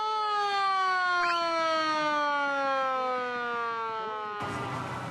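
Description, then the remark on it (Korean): A tour boat on a lake sounds its siren in greeting on a cold day: a loud, sustained blare for several seconds, its rich tone sliding gradually lower in pitch before cutting off into a rush of wind-like noise. No one speaks. “사이렌 소리로 저희를 맞아주십니다.”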